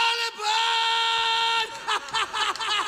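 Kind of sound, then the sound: human body sound, rock singer's scream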